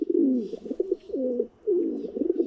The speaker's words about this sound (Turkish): Kara güvercini Paul Marvin Amerika Birleşik Devletleri'nde.